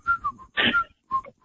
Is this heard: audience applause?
no